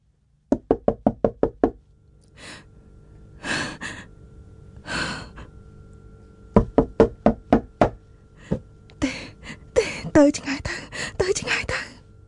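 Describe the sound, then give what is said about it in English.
Sharp, rapid knocks by a man on a door come in quick bursts of about six raps, separated by heavy, breathy sighs; later knocking grows louder and more insistent, mixed with gasping breaths. “The man's knocking becomes louder, stronger, and she thinks angrier.”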